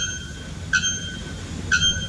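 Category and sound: bird, bare-throated bellbird call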